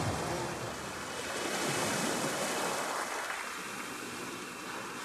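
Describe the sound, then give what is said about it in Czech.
Gentle sea waves wash in a steady, continuous hiss, one soft swell rising and easing back. The water is moderately quiet, with no voices over it. “A moře je najednou mírné a tiché.”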